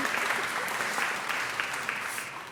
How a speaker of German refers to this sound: ihr könnt gerne, ne, klatschen, wenn ihr wollt. So laut.